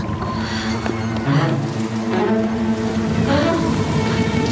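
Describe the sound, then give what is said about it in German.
Steady rain pours down in a continuous, dense hiss that stays loud and even throughout, putting out a fire, with faint tonal sounds layered underneath and no one speaking. “Gab es je was Schöneres als Regen? Der Regen löscht das Feuer.”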